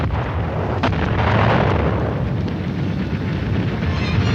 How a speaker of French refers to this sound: Voici 3 ans, en effet, plus de 3 ans même, les premières explosions éclataient dans ce qui avait été le pays du matin calme.